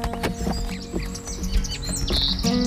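A bird chirps and tweets repeatedly in quick, bright, clear calls after a dove is released, layered over a steady humming tonal background with no one speaking.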